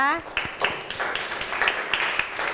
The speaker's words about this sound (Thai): ค่ะโอเคค่ะขอเสียงปรบมือให้กับเพื่อนของเราด้วยนั่นเองนะคะ